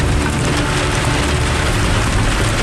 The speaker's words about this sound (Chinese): 今天这个雨有点太大了，估计这个还打雷，这样的话上山，如果往山梁上爬就有点危险了。